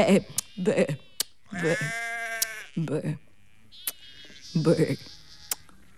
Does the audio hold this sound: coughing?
no